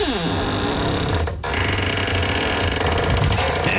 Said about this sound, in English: And I'm going to let you listen to my squeaky door. There it is. Get ready.